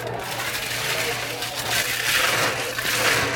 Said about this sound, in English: It's a blended drink. Okay. So we put some ice in the blender.